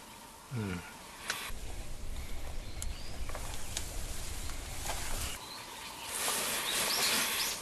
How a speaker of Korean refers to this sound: 온통 새소리고.